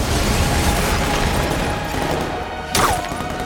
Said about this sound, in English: She throws a charge down, which explodes.